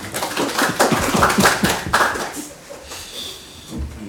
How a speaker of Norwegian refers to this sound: Det veldig hyggelig at vi har begynt å innføre en sånn rutin med å klappe når vi tildeler verv. Jeg tror kanskje vi det eneste kommunestyret som gjør det, men det tillater vi oss I dag.